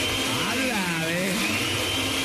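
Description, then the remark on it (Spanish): A blender in a house whirs loudly and steadily, its motor pitch wavering up and down as it churns for a couple of seconds without a break. “Aquí estaba en la casa, a ver, para saber que estaba en la casa, prende la licuadora.”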